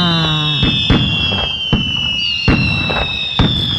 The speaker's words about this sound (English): Yeah, that's just fireworks, you know, nonstop right there.